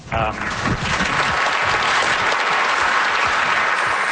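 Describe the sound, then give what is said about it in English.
A large audience bursts into steady, sustained applause, the dense clapping holding at a loud, even level throughout, with a brief voice audible at the very start. “Yeah, it's definitely worth clapping for.”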